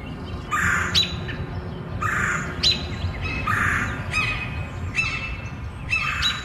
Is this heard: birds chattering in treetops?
yes